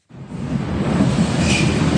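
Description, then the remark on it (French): The last metro train of the night pulls out of Jungfernheide underground station in western Berlin, Germany, at 1 a.m., its deep rumble and broad hiss of wheels building steadily and filling the space, with no voices. “1h du matin, le dernier métro vient de quitter la station de Jungfernheide à l'ouest de Berlin.”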